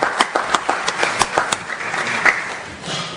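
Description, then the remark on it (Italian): An audience applauds to welcome a speaker being given the floor, many hands clapping in a dense, irregular patter with a few sharper claps standing out, holding steady at a moderate level for a few seconds. “che accogliamo un applauso, che ringrazio.”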